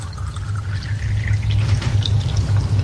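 Water pours steadily into an empty container for a few seconds until it is full and begins to overflow, a continuous splashing with a rising, filling tone and a low rumble beneath, no voices.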